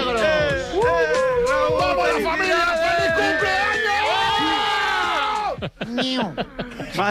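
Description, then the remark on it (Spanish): A group of friends at a birthday celebration cheers and shouts all at once, many overlapping voices yelling and whooping loudly for several seconds before the noise breaks up into scattered calls and laughter. “Por favor, no gritéis tanto que me estáis saturando el sonido.”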